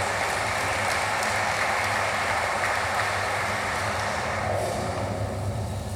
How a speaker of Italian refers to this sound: vi chiedo un quarto applauso per il segretario generale del Ministero degli Affari Esteri e della Cooperazione Internazionale, il dottor Riccardo Guariglia, che chiamo sul palco.